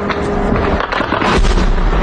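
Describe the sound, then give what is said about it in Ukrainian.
Loud explosions boom at night in Crimea in quick succession, heavy rumbling blasts layered into a dense, continuous roar with no voices present. “Вдень мешканці Криму долають труднощі життя без електрики, води, зв'язку і пального, а вночі здригаються від гучних вибухів.”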